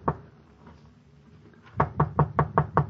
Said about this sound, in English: I got to apartment 1B. I knocked.